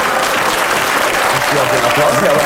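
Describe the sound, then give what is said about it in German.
A crowd claps steadily and densely, a continuous wash of applause that stays loud and even throughout, with faint murmuring voices mixed into the noise. “So viel sinnlosen Applaus.”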